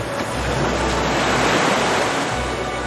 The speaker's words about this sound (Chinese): 海浪有节奏地击打着岸边，太阳落到地平线以下，南非海狗们逐渐安顿下来，准备迎接新一天的挑战。